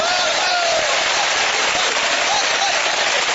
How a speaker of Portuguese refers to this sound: Fiquem firmes em nome de Jesus Cristo e essa igreja pode aplaudir o nome do Senhor.